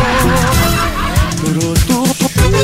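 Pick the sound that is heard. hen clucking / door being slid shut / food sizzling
hen clucking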